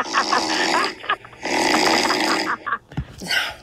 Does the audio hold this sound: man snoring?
yes